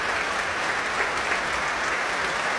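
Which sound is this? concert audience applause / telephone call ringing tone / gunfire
concert audience applause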